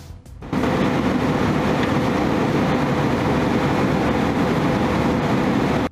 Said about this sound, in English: What you are watching there is a Russian fighter jet buzzing an RAF aircraft over international waters, and the Sun's front page is this, 20 feet from World War III.